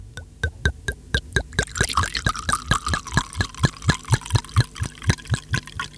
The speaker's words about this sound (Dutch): Even kijken, ik heb een glas. Ja, je hebt er twee zelfs. En wat doen we met het glas? Schenken, schenken.